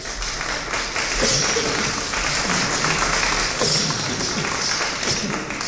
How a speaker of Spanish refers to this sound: ¿Cuántos dicen gloria a Dios? Un aplauso, por favor.